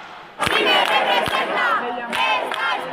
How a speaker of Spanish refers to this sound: Centenares de personas han improvisado pequeñas marchas, han avanzado una pequeña distancia de estas vías y rápidamente han regresado a la Puerta del Sol, donde siguen entonando las proclamas. Bueno, la acampada sigue, como estamos escuchando